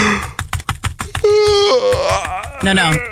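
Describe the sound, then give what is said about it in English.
Quick, rhythmic keyboard clicking taps out for about a second, then a voice lets out a long, drawn-out yawn that slides in pitch, with a few more clicks under it, imitating the sound of a tax attorney's job. “Okay, a little bit of yawning, a little bit of clickety click click, and then that's just actually the sound of someone like legally moving money from taxable to strategically positioned.”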